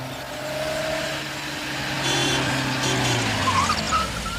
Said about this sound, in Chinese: 过了一会儿，周北风听到门外有汽车声，于是便赶紧出了门，钻进汽车，直奔总部而去。